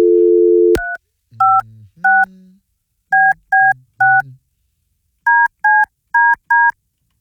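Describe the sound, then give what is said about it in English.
A steady dial tone cuts off with a click, then a phone keypad beeps out about eleven crisp dialing tones in uneven bursts as a phone number is dialed, a few joined by low buzzing hums. “I got to call the the Bone Bat Phone.”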